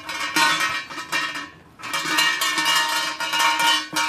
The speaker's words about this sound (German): Jetzt stehen wir an einem riesigen, wie heißt so ein Ding auf Deutsch? An einem Glockenseil. Dicken Seil. Oben hängt eine Glocke dran. Und da muss man einmal schön schütteln.